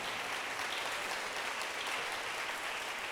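An audience claps for the Lord, a dense, continuous patter of many hands at an even level for the whole stretch, with no voices rising above it.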